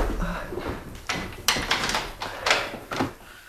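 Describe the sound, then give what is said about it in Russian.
A door is shut, with a series of clunks and rattles from the handle and latch spread over a few seconds, then a final thud. There is no talking. “Ну, на всякий случай я закрою дверь.”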